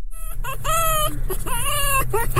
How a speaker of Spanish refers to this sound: Che gallo eso. ¿Por qué es un zorro ese?